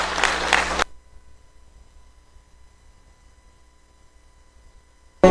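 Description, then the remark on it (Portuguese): A short, loud burst of group applause for the name of the Lord Jesus breaks off abruptly after less than a second and gives way to near silence with a faint low hum. “Dê uma salva de palmas para o nome do Senhor Jesus.”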